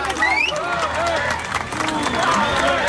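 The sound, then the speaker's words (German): A crowd claps and cheers steadily for a group of young male performers after their rap performance, with whoops and shouted voices rising over a dense wash of applause that holds loud for the whole stretch. “Mama, nochmal einen fetten Applaus für die Boys.”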